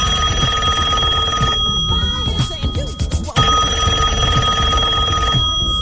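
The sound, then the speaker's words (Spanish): A telephone rings on an outgoing long-distance call to a priest in Itatí, a loud, steady electronic ring that breaks off briefly in the middle before sounding again, with no one talking over it. “Y lo voy a llamar donde consiga el teléfono, ¿eh?”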